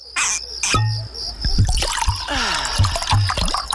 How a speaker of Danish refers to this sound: Gå på opdagelse i 4 km underjordiske gang. Med grotter så store som domkirker og rislende vandløb og underjordiske søer.